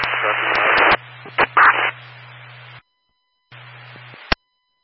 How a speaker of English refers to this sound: Battalion 3, you were all static. I couldn't understand.